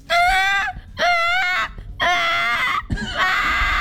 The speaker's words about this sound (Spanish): Un bebé llorando.